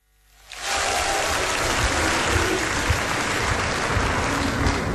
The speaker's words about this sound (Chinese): 这期节目里咱们请出郭德纲和于谦为您合说一段我是文学家，咱们掌声请上这二位。